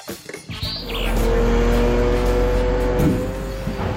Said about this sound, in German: Die Laster stehen immer wieder Schlange auf dem Rundholzplatz der Firma Rettenmeier in Wilburgstetten. Die Kräne entladen die Anhänger und füttern die Bänder des Sägewerks, teilweise in 2 Schichten pro Tag.